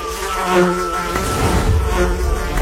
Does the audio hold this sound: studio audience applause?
no